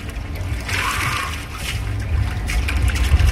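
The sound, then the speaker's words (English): Water sloshes and splashes in an ice-cold plunge pool at a sauna in London, in a steady, restless wash, with a brighter surge early on over a low rumbling undertone; no one speaks. “The whole thing lasts an hour and a half, with 15-minute intervals broken up by breaks for us to shower or plunge in ice-cold water.”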